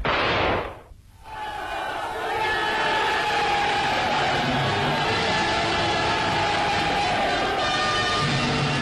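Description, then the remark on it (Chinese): A large crowd cheers and shouts in celebration of a battle victory, a loud, sustained roar of many voices that breaks off briefly near the start, then swells back and holds steady to the end. “在庆祝战斗胜利的欢呼声中，游击队又要奔赴新的战斗岗位。”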